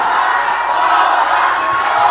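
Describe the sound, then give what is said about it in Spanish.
A large concert crowd shouts and cheers loudly and continuously after the performers ask them to shout louder, a dense wall of voices sustained at high volume throughout with no break. “Pero griten más fuerte.”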